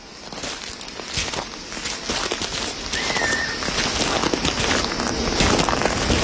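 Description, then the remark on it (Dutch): Steady footsteps crunch and swish through dry grass at a walking pace across an open grassland plain with scattered bushes and rows of trees, with a brief bird chirp partway through and no voices. “We lopen over een open vlakte, maar we zien wel ook wel her en der bosjes, hè?”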